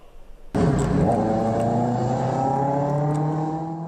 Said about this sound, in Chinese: 市民拍摄的画面显示，深夜车流稀少，但两轮电动车制造的轰鸣声格外刺耳，严重扰乱城市道路交通秩序。